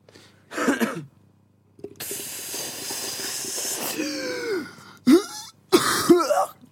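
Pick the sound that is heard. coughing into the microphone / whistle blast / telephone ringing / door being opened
coughing into the microphone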